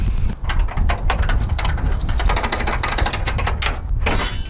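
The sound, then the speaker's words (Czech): A rapid run of metallic clicks and rattles as a bunch of keys works the lock and the door of the chapel of St. Florian above Moravský Krumlov is unlatched, all over a steady, heavy rumble of wind, with no voices. “právě otvírá dveře kapličky svatého Florianka nad Moravským Krumlovem.”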